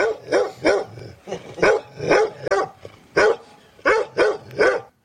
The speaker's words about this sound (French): et puis encore un chien.